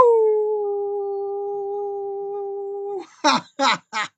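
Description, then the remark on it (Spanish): A long, steady howl held on one pitch for about three seconds, then three short, sharp yelps in quick succession. It sounds like a human voice imitating a dog, clear. “Y pues vamos a aullar.”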